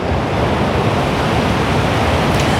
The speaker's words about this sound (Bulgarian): Здравейте от плаж Хармани в Созопол. Искам да ви покажа днес колко е бурно морето. Погледнете как е издълбан брега. Морето през тези дни е много опасно.